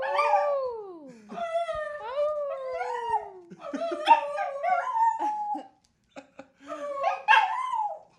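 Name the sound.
dog howling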